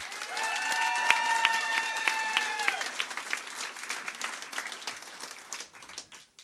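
An audience applauds steadily for several seconds, dense clapping that gradually thins and fades out. A sustained cheer or whistle-like tonal sound rises over the clapping in the first few seconds.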